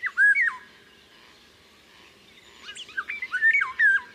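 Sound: golden oriole flute-like song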